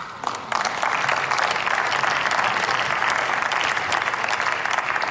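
Sustained applause from a large group fills a parliament chamber after a speech on disability rights, dense and steady clapping that starts abruptly after a brief quieter moment and holds at a constant loud level without voices.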